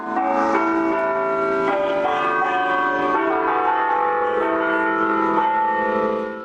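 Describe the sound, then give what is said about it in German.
Church bells of the Sagrada Familia in Barcelona ring continuously in overlapping, sustained tones, their pitches shifting every second or so in a steady pealing pattern, loud and resonant with no voices. “Ihr Glockenspiel hat sollen mit dem Wind über die ganze Stadt wehen.”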